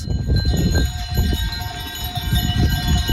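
A herd of goats moves along a walking path, their bells clanking and jingling in a loose, continuous jumble, with shuffling hooves and faint bleats mixed in.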